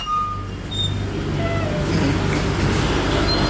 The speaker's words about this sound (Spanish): Y aquí, como escucharán, pues hay un ruido de los motores de los congeladores, doctor.